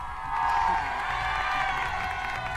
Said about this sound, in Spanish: Aplausos muy fuerte a mi compadre.